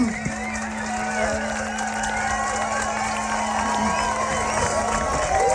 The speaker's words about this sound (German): Riesen Applaus!